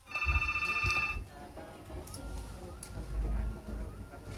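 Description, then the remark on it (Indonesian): A telephone rings on the Pro 1 incoming call line of the RRI radio program Halo RRI in Kupang, with a bright electronic trill for about a second, then gives way to a low rumbling background of studio noise with faint clicks. “Line telepon Pro 1 sebentar ya.”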